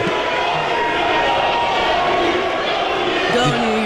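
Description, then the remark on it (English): A large crowd of Knicks fans leaving an arena after a game chants and cheers in the echoing arena hallways, voices blending into a steady roar for the whole stretch. “They're literally just, like, chanting in the hallways.”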